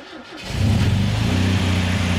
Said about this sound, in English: So I think to myself, all right, well, you know, maybe if I run the engine and then I check it again, I'll actually see where it's at. So I start up the engine, and what happens next absolutely shocks me.